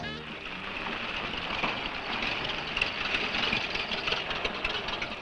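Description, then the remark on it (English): A car engine idles steadily for several seconds, a continuous low rumble layered with a hissy, faintly rattling texture that holds an even loudness throughout. “Man, that fella has a jewel of a car.”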